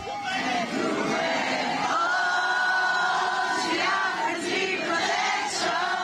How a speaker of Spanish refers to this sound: Antes de despedirse, abrió su casaca y mostró una camiseta de la selección peruana, provocando otra ovación entre los seguidores.